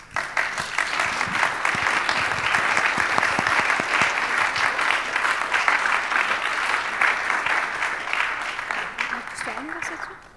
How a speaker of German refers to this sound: Applaus vielleicht?